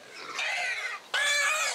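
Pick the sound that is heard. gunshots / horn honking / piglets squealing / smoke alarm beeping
piglets squealing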